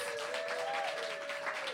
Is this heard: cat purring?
no